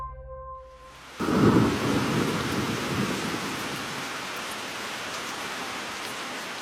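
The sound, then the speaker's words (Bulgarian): In a radio drama of a Henry James ghost novel, after a brief sustained musical tone, a storm bursts in with a deep rumble, settling into a loud, steady roar of lashing rain and raging, strongly blowing wind that continues to the end. “Под лампата в моята стая, с притихналата до мен Флора, дълго стоях пред белия лист, заслушана в плющящия дъжд и вилнещия вятър.”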